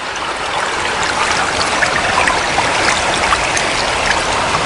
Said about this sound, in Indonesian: Wah, air sungai ini deras sekali.